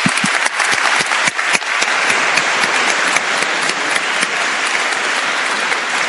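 Steady, loud applause from a crowd, in thanks to the archbishop for his festive address: a dense wash of many hands clapping at once with a few sharper individual claps standing out, sustained evenly throughout with no talking.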